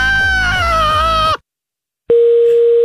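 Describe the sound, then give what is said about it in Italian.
After a loud, harsh wavering sound cuts off and a short silence follows, a telephone's steady, unbroken mid-pitched tone sounds loudly once the receiver is hung up, continuing to the end. “Ma che cazzo metti giù la cornetta?”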